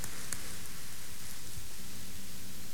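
applause

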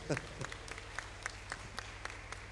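audience clapping hands

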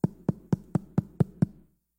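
knocking on a door

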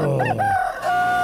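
rooster crowing

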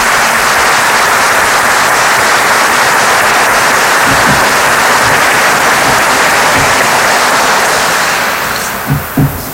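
applause

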